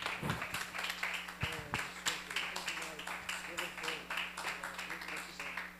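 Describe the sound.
A church audience claps for the Lord Jesus in a dense, steady stream of overlapping hand claps, with crowd voices mixed in beneath the clapping and a low hum running throughout.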